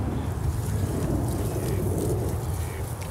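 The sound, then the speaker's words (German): Water sprays from a garden hose left lying by gardeners, used to give a cold shower on a warm day, in a steady, unbroken rushing hiss with a heavy low rumble underneath, holding at the same loudness throughout with no voices. “Guck mal, Gärtner haben Schlauch liegen lassen, dann können wir doch gleich loslegen.”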